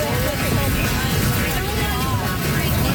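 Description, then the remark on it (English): Hail pounds down hard and without a break in a summer hailstorm at a wedding in Medstead, a loud, dense roar of impacts, with faint voices of a crowd buried underneath. “It's been a summer full of destructive weather, like this hailstorm at a wedding in Medstead that led to a lot of SGI claims.”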